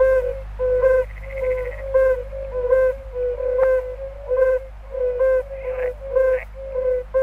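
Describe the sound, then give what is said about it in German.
Yellow-bellied toads give a chorus of soft, mellow hooting notes around one pitch, repeated steadily in overlapping pulses like a busy tone, over a low background hum. “Und zu denen gehören auch die Unken, zum Beispiel die Gelbbauchunken. Und hören Sie mal, wie die tönen.”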